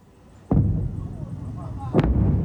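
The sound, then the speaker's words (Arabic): Two loud, sharp gunshots about a second and a half apart, fired from a Ukrainian naval drone boat at a Russian drone boat in the Black Sea, each cracking out over a steady low rumble of engine or wind noise that continues between and after the shots. “ونشرت البحرية مقطع فيديو يظهر عملية إطلاق نار من زورق مسير أوكراني على آخر روسي في البحر الأسود.”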